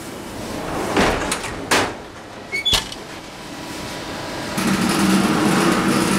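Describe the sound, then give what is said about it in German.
A few dull knocks and clunks as baguettes are loaded give way to a steady, broad rushing hiss of steam injection in a bakery oven, giving the baguettes colour and shine; it starts abruptly and continues to the end, fairly loud. “Das war jetzt die Beschwadung, also Dampf, damit das Baguette schöne Farbe bekommt und glänzt, schön glänzt.”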